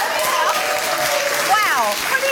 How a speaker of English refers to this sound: In case if you couldn't hear at home, basically universally everybody yelled, "Drink it!" What a crowd!